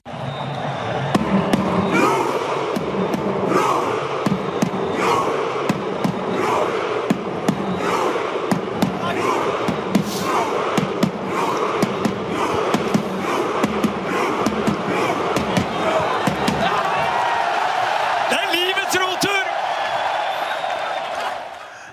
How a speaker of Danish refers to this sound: Her hørte vi mange tusind nordmænd i Amerika og Martin Ødegaard på tromme efter sejren over Senegal nu her ved sommerens VM.